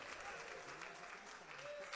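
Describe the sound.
A church audience claps hands strongly for Jesus to welcome a sister, in a dense, steady burst of applause that stays loud and even throughout, with a few faint voices mixed into the clapping.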